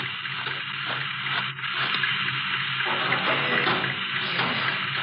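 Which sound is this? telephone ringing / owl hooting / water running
water running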